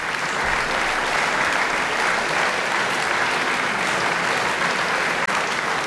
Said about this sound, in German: Begeisterter Beifall in der kleinen Beethoven-Halle in Bonn-Mufendorf. Letztes Jahr am 19. September für den Pianisten Fabian Müller.